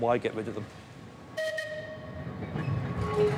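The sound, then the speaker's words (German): A vintage tram, still just as it was 100 years ago, rumbles along its tracks on the Isle of Man with a low, steady rolling noise, and a sustained high metallic squeal or whistle tone cuts in midway; a voice is briefly heard at the start. “Denn sie sind einer der Hauptgründe, warum Touristen auf die Isle of Man kommen, um mit einer Tram zu fahren, die noch genau so ist wie vor 100 Jahren.”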